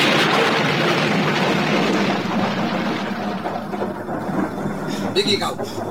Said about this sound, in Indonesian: Tiba-tiba alam berubah. Petir menyambar dan hujan pun turun dengan derasnya.